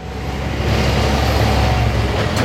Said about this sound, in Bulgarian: 7 часа републиканският път Видин-София. Трафикът е интензивен, настилката е мокра.